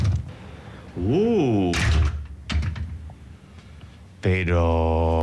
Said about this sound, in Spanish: Bueno, ¿abrimos la puerta? Venga. Sí, venga. Vamos. Vamos adentro. Vamos, ahora mismo. Venga. Ahí la llave, que no quiere salir.